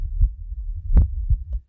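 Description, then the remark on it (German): A human heartbeat thumps in low, muffled pulses, one beat after another in a steady rhythm, with a soft whooshing between them and no voices. “Hört ihr das? Da bumpert ein Herz.”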